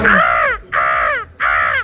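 Seagulls give three loud, harsh calls in a row, each about half a second long with a slightly falling pitch, separated by short pauses. No voices are heard.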